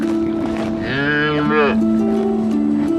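A dairy cow on a family farm gives one long, loud moo, the call rising and then falling away over about a second, with a steady low droning hum running underneath throughout.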